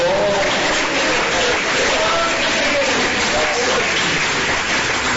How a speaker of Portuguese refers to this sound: Ó, glorificar Jesus com palmas, ele merece, ele é misericordioso.